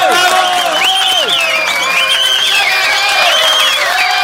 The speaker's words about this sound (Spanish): ¡812! ¡Sí, señor! ¡Fuerte los aplausos!